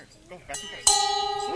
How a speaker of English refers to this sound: We're gonna ring the bell and then do the number?